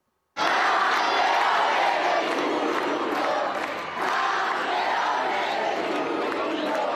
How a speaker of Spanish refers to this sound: Los dos han tenido una bienvenida llena de detalles y de aplausos.